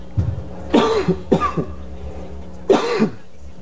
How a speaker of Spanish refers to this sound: Oiga, tosiendo, ¿no, enfermito